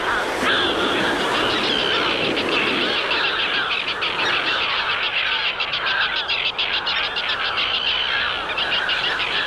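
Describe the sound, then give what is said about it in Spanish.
Harsh, grating calls of common terns repeat in quick overlapping bursts, loud, over a constant wash of sea waves; a busy colony calling. “Y ahora escucharemos al charrán común.”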